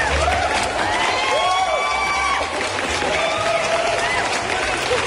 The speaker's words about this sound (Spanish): Creo que como el Papa, me merezco esta ovación.